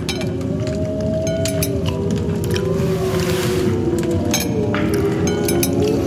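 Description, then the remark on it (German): Several wolves howl in long, wavering, overlapping notes that rise and fall over a constant deep rumble of wind-like night ambience. No voices. “Hören Sie? Wölfe. Ja, die Kinder der Nacht.”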